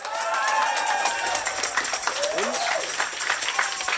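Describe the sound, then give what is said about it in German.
A crowd cheers and claps steadily for a few seconds after being told they have won a prize from the Dortmunder Volksbank and Radio 91.2, a dense wash of overlapping voices, whoops and hand claps at a fairly loud, even level with no clear break. “Nochmal jubeln vielleicht.”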